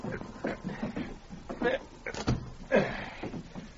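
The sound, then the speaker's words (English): A cabin door is closed from inside the cabin with a single solid thud about midway through, surrounded by muffled voices and faint movement. “I drag him inside the cabin. We'll close the door.”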